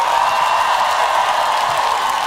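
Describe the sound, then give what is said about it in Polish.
An audience applauds a percussionist as he is introduced, in a steady, dense wash of clapping that holds at an even, loud level for the whole stretch, with no voices coming through. “Jego tata to jeden z najlepszych perkusistów na świecie, …, a to jest jeden z najlepszych perkusjonalistów na tej planecie, …, brawa!”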